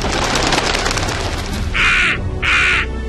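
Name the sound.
crow cawing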